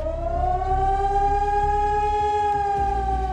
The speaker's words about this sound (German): Heute ist wieder bundesweiter Warntag. Im Ortenaukreis heulen die Sirenen in insgesamt 32 Kommunen. Auch Rastatt und Baden-Baden beteiligen sich an dem Testalarm.